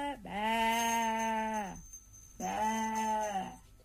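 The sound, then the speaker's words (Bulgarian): A sheep bleats twice, loud: a long, wavering baa followed after a short pause by a second, slightly shorter one, with no other sounds around it. “Сякаш царицата изведнъж се увива вълна и заприлича на овца.”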